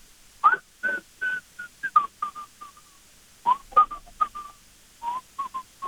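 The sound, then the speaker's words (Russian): Someone whistles a Soviet classic melody through a respirator held to the face, the short notes breathy and muffled, in two phrases separated by a brief pause. There is no talking. “представляю респиратор к лицу и насвистываю какую-нибудь советскую классику”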